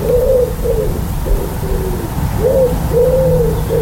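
A wood pigeon coos early in the morning as the sun comes up, in a steady, repeated rhythm of soft, hollow hooting phrases, clear against a low background hum, with no one talking.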